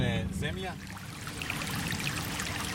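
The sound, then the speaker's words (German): A small brook about 3 kilometres outside the town of Pljevlja, Montenegro, flows steadily past meadows, a continuous babbling trickle with bright splashy detail. A brief voice is heard at the very start before the water carries on alone. “Wir sind gut 3 Kilometer außerhalb der Stadt an einem kleinen Bach.”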